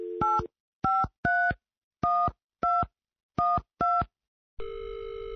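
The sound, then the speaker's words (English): A phone number for the rafting company Grizzly River Rafting is punched in as eight quick touch-tone beeps in an irregular rhythm, each a bright two-note chirp, followed by a steady electronic line tone as the call connects. “Let's try the rafting company.”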